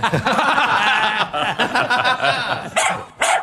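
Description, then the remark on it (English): A dog, Windsor the Gaither Pup, growls and barks loudly and almost continuously for a few seconds, ending in a couple of sharper barks. “That's Windsor the Gaither Pup with his own Instagram page and featured segment exclusively here”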